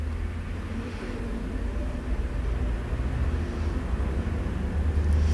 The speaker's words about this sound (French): Un camion des postes, boulevard Saint-Germain, une Volkswagen, une voiture, une DS, une camionnette, une douzaine de voitures, une mobilette.